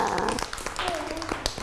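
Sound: children clapping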